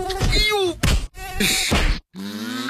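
A thin, whining mosquito buzz drifts around a person not using insect repellent, broken by sharp slaps and strained groaning, then the buzzing returns alone at the end after a brief silence.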